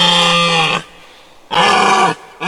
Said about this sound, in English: Well done if you said our creature calling in today is a deer.